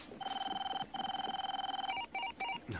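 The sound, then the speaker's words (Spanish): A telephone rings with a rapid electronic trill, two long warbling bursts followed by a few shorter broken chirps, fairly loud with no voices. “Sabian mira el teléfono. Travis, Farley y los demás esperan.”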